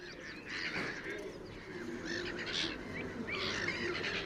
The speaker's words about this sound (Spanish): Las gaviotas reidoras, nombre científico, Croicocephalus ridibundus, forman parte inseparable del paisaje del Tajo.